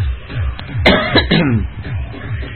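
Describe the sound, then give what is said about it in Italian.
Two short, harsh coughs burst out one after the other over a low, steady background hum. “Molto bene un cazzo, perché ogni volta che tossisco mi esplodono pezzi di cervello qua e là.”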